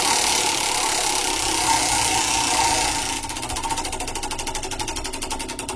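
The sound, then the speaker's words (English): A prize wheel whirs with a steady rushing noise, then breaks into rapid ratcheting clicks that gradually slow as it winds down. No one speaks. “All right, here we go. Let's spin the wheel.”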